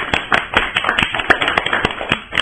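An audience claps steadily for children after a poem about a farmer is recited: a dense patter of many hands with sharper individual claps standing out in a fairly even rhythm, moderately loud throughout with no voices.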